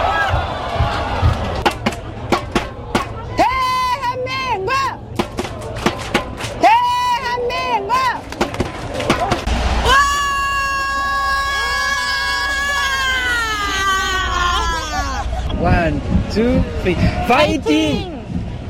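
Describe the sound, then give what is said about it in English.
An excited fan of South Korea's team in Seoul lets out a long, loud, high-pitched scream, held for several seconds, with other shouts and excited voices around it in a noisy crowd atmosphere. “That was … screaming, but it gives us a sense of the passion”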